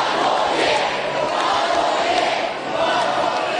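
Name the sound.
crowd of fans chanting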